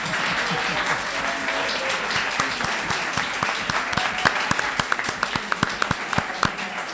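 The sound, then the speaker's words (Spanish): A crowd applauds steadily, a dense wash of clapping that stays fairly loud throughout, with a few sharper individual claps standing out near the end; applause for the bacon of a cafeteria. “O bacon de esta cafetería merece un aplauso, ¿no?”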